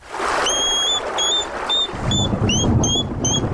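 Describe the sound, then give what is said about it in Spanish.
A hedgehog out at night on a rainy day, searching for slugs, gives a series of short, high, thin whistles, about eight in quick succession, over a steady hiss of rain with a low rumble joining partway through. “vamos a escuchar el sonido del erizo, que es un sonido bastante curioso que podemos escuchar alguna noche”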